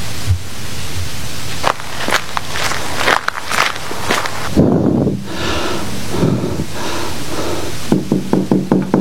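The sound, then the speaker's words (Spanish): Quick, steady footsteps of a woman running to another woman's house to deliver a fan, a series of crisp impacts over a constant windy, noisy background, ending with a faster rhythmic patter of steps. “Aprovechando que nadie la ve, Janina corre hasta la casa de Cándida para entregarle el abanico.”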